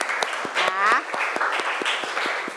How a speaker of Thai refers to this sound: โอเคปรบมือเพื่อนหน่อย